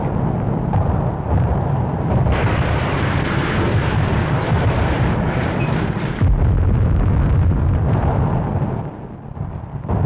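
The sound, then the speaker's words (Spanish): A spaceship suddenly stops its engines before gaining altitude and crashes: a loud, continuous deep roar and rumble that churns for about ten seconds, swelling in bursts and easing slightly near the end, with no voices. “Pero antes de que la nave tomara altura, súbitamente detuvo sus motores y se estrelló aparatosamente.”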